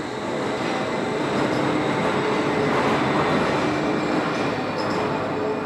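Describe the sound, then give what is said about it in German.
The Wuppertal Schwebebahn, a suspension railway train, rumbles steadily along its 1901 steel frame above the Wupper river, a dense, continuous roar with faint metallic squeals and rattles riding on top, holding loud for the whole stretch with no voices. “Und mittendrin schlängelt sich die Schwebebahn über die Wupper. Auf ihrem Stahlgerüst von 1901.”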